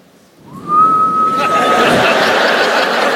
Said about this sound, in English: I don't have that dad whistle. I don't have it. This is my dad whistle. This is what I have.